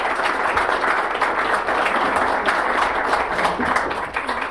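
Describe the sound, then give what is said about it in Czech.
A steady burst of applause from many hands, dense and fairly loud throughout, with a continuous crackling texture and no talking over it. “Teda tomu já věřte tleskám.”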